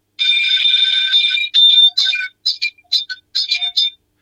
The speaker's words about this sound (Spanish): Bueno. Hacela sonar. Sí, ahí suena la campana.